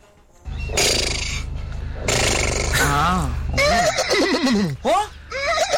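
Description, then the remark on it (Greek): A person loudly imitates a horse's whinny, a breathy rasp rising into quivering, wavering pitch that trembles up and down for several seconds. “Δεν ήθελα να κάνει άλογο.”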